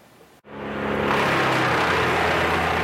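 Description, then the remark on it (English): Wood chippers running just east of Rocky Mountain House, destroying trees uprooted by a severe storm: after a brief cut, a loud engine roar swells over the first second, then holds as a steady, dense mechanical grind with a low droning hum underneath. No voices. “The sound of wood chippers fills the air just east of Rocky Mountain House.”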